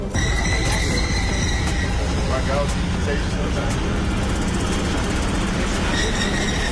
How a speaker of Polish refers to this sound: Czyli mogę powiedzieć, że pierwszy ekodiesel wjeżdża właśnie na stację i za chwileczkę go zobaczymy. O, punktualnie. Tak miało być.